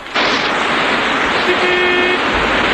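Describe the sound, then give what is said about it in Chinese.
A sedan car rushes up to the bank of the Wu River by a pontoon bridge crowded with enemy soldiers, with a loud, steady roar of engine and road noise, and partway through its horn blares once in a single sustained honk lasting under a second. “浮桥上挤满了敌军官兵，那辆小轿车也冲到了岸边。”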